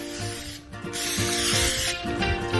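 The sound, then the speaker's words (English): Hissing bursts of liquid are sprayed onto raw barbecue ribs as they are flipped over, a couple of sustained sprays with a brief pause between, over a steady low hum in the background. “I'm gonna flip these over. We're gonna do another spray.”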